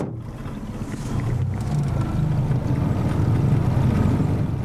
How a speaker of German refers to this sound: Dass nun gar kein Lüftchen weht, hatten wir nicht erwartet. Also motoren wir wieder.